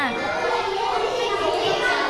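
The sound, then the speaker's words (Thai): Many children in a classroom chattering at once during group work, a dense, steady babble of overlapping young voices with no single speaker standing out, continuous and fairly loud throughout. “ถ้ายังไม่ได้คำตอบไม่เป็นไรเด็กๆเบาเสียงหน่อยจ้าเบาเสียงหน่อย”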